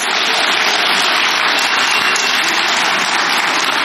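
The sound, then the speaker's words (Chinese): Steady, dense audience applause at a stage comedy theater show fills the whole stretch, a broad hiss of many hands clapping at constant loudness with no voices on top. “哎，谢谢您的掌声。”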